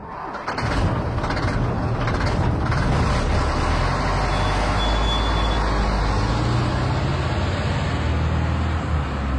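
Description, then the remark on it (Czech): A big truck engine rumbles loudly and steadily for several seconds, a deep idling drone with a brief high brake squeal partway through. No one speaks. “No tak pozor, 3, 2, 1, nákladák.”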